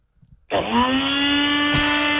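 A few soft clicks, then a Nutribullet blender motor kicks on abruptly and holds a loud, steady whine with a high buzzing edge until the end. No talking.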